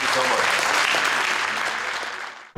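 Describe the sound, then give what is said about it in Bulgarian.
An audience applauds in a dense, steady wash of clapping that holds loud for about two seconds, then tapers off and cuts out abruptly. “Дами и господа, аплодисменти.”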